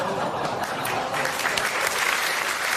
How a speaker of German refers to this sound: Ja, und da klatscht sie auch noch, sauber.